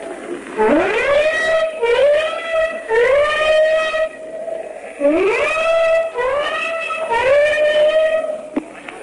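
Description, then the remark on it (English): An old ship gives its warning whistles after dark while German planes are overhead and flak rises into the sky: six loud blasts in two sets of three, each note sliding up at the start before holding a steady, rich, reedy tone, with no voices. “The old ship has just given its warning whistles, and now the flak is coming up in the sky, and streamers from the warships behind us.”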